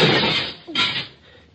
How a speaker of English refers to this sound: Very well. Wait here. I'll break through the window and come around on the inside.